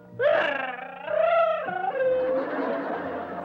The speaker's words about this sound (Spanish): Chavo, chavo, ¿tú sabes por qué está llorando Kiko? Sí, por lo de Rondamón.